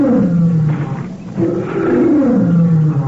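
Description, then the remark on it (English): A lioness, a cub's mother, roars loudly, two long, deep, rumbling calls that rise and fall, filling the whole stretch with a throaty, sustained growl and only a brief pause between them. “It's the mother lion, Louis. I know it is.”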